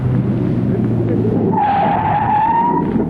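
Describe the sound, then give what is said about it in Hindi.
A car engine rumbles, then tires let out a long, loud, high squeal for over a second as the car skids hard to a stop at a red stop signal at a traffic light; no talking. “तुम रुक क्यों गए? सामने ट्रैफिक लाइट में स्टॉप सिग्नल है।”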